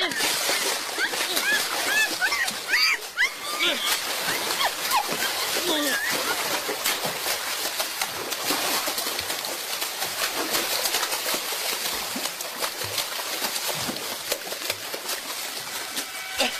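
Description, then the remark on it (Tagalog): A waterfall roars steadily and loudly throughout, with water splashing and faint voices and a few bird chirps mixed into the constant rush. “Ano ginabuhat mo diri sa busay?”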